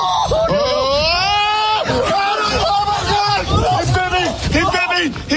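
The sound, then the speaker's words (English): A man, just bitten on the leg by a raccoon, shrieks in a high, strained, loud voice, while other voices shout and clamor around him in a frantic jumble. “Now, the guy you hear screaming like a little girl was bitten on the leg.”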